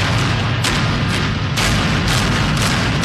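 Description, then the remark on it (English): A series of loud demolition blasts going off in quick succession, roughly every half second, over a continuous rumbling roar, as charges implode the 19-story Sheraton Hotel in Arlington in two series of explosions, collapsing it in a cloud of dust. No one speaks. “With two series of explosions, the 19-story Sheraton Hotel collapsed in a cloud of dust as it was imploded today to make room for a third Lowe's Hotel in Arlington's Entertainment District.”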